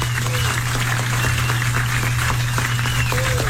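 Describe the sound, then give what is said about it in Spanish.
An audience on a humor segment of the radio station Reina 95.5 claps steadily throughout for a performer introduced as the next president, a dense, even patter of many hands over a low electrical hum, with faint voices in the background. “Damas y caballeros, con un fuerte aplauso, el próximo presidente”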